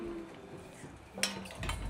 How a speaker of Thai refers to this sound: ใช่ครับเครื่องต้มยำเราเสร็จแล้วเราก็จะตั้งหม้อต้มเลยครับนี่คือเราจะคั่วเครื่องครับ